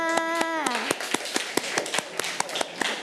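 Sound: children clapping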